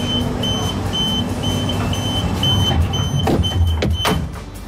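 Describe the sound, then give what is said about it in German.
A train pulls away: a steady low rumble with a thin, high electric whine over it, then a few sharp clacks and thuds before the noise eases off slightly at the end. “Das verbindet man entweder mit einem puren Stress, weil man den Zug fast verpasst, oder mit einem Abenteuer.”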